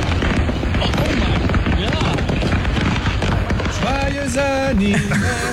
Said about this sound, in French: Les pétards ont pété pendant plusieurs minutes et l'incident s'est passé samedi en pleine route sur une autoroute du Tennessee.